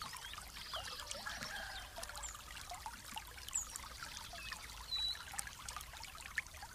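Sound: water pouring and trickling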